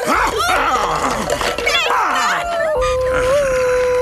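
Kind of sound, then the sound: animal, dog barking and howling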